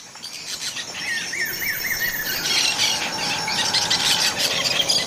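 Parrots squawk and squeal over a busy, steady wash of high-pitched bird chatter, with a few harsh rising calls standing out early on. Nobody speaks.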